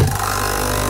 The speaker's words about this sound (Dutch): Ah, dat is het geluid van de nieuwe Nescafé Roastery voor jouw Nespresso-machine. Geen bla bla bla. Simpelweg heerlijke koffie verpakt in een capsule.